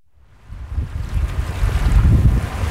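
Ocean waves wash steadily onto the shore of Cape Cod in summer while a breeze buffets the microphone, rising from quiet into a full, continuous rumbling surf with no voices.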